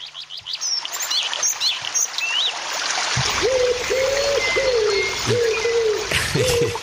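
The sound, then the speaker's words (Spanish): A small waterfall trickles and splashes steadily throughout while birds chirp and tweet overhead; later, a series of repeated low cooing calls, like a dove, sounds. “Y con el, mirá, pasamos de esto, pasamos de la cascadita, pasamos de los pájaros, pasamos de la naturaleza”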